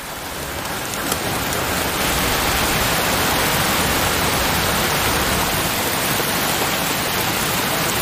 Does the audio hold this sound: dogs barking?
no